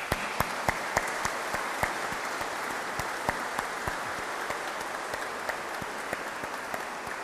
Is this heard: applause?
yes